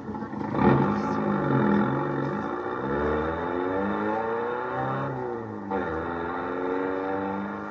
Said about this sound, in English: All right, now get the car started.